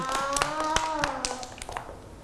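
A group of children clapping during a school art activity, applauding a classmate's house made from a paper cup; a quick, uneven patter of sharp claps that fades toward the end, with a voice faintly sustaining a tone underneath.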